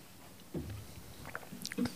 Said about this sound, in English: I'm just going to take a drink of water.